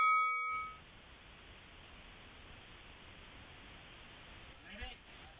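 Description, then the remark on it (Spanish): A single bright debate timer bell strike rings out loudly at the start and fades within a second, leaving a steady hiss of background noise for the rest. “Cuando suena la campana, ambos tienen la posibilidad de intervenir sin que les demos paso.”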